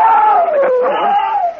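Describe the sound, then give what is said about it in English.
The Martians' sonic beam weapon as the Martians attack: a loud, continuous wailing tone that wavers slowly up and down in pitch, with a rich buzzing edge, sustained for under two seconds with no voices. “Listen. The sonic beam. The Martians are attacking.”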